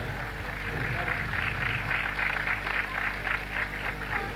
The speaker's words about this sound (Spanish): Fuertes los aplausos, señoras y señores.